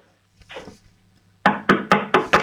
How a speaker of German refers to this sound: So, jetzt geh mal zu einem Fenster und dann klopf mal an die Fensterscheibe. Aber bitte nicht mit dem Löffel, sondern mit der Hand.